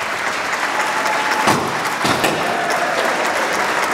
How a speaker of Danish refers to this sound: Så er der slået rekord, og det er derfor, der er store klapsalver, konfettikanoner, der springes i baggrunden, og så videre, og så videre.